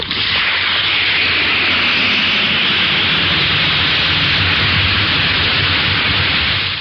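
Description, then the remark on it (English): Alka-Seltzer tablet fizzing: a steady, loud, hissing effervescence with a crackly, bubbling texture that holds evenly for several seconds, with no voices. “Listen to it fizz.”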